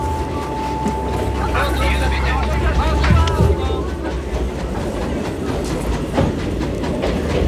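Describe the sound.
A train bound for Lyon rolls steadily along the rails, a continuous low rumble with rhythmic clickety-clack and occasional metallic squeals, with faint indistinct voices murmuring in the background.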